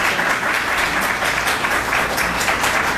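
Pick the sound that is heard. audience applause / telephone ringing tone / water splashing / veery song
audience applause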